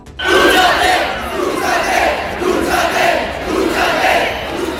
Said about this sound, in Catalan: un reduït grup, la majoria de gent jove, s'ha traslladat a Sol, on hi havia una forta presència policial. Este grup ha començat a entonar crits de "Jo sóc espanyol", també han increpat a les persones acampades, ja ho saben, per una vivenda digna.